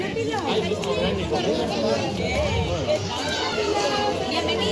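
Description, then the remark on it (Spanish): A lively crowd of children chattering and calling out at a school entrance in the morning, as school starts again, many overlapping voices forming a steady hubbub throughout. “Los sonidos de la mañana en varios colegios e institutos de la ciudad.”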